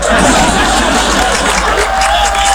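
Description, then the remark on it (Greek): An audience claps steadily in a dense, loud wash of applause, mixed with crowd murmur and scattered voices, holding an even level throughout. “Κάτι καμένοι χειροκροτάνε.”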